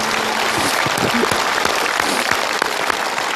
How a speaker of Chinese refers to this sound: 我们观众用掌声为这位母亲鼓个掌吧。